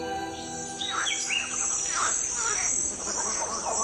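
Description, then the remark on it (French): Dense French Guiana rainforest ambience: a steady high insect drone with layered chirps and whistling bird calls rising and falling over it, with frogs and monkeys also among the din, continuous, with no one speaking. “Ce que l'on entend ici, c'est la forêt guyanaise, un vacarme dans lequel une oreille affûtée peut distinguer des batraciens, des singes, des oiseaux, des insectes.”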